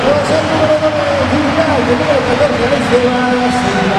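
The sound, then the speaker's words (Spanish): A football crowd at Balaídos stadium during a Celta match roars and shouts in a loud, unbroken wash of many voices, calling for a player to come on, with a few sustained cries rising above the steady din for the full four seconds, picked up by a COPE radio microphone. “Sonido ambiente del micrófono de la cadena COPE que ha puesto aquí Eloy Machado para que todos escuchéis cómo balaídos grita, ruge y pide que salga el príncipe de las bateas para resolver el entuerto.”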